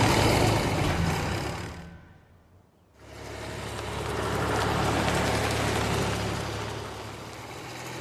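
A restored vintage tractor engine runs with a loud, steady low rumble during a test drive, briefly dropping away for a moment before throttling back up and chugging on, with no one speaking.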